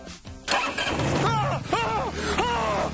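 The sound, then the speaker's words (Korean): A car engine, started by pressing the start button while holding the brake, cranks over with a brief whir, then catches and settles into a steady, loud idle with a low hum. Some high whines rise and fall over the running engine. “이걸 누르면 시동이 걸리는 거예요.”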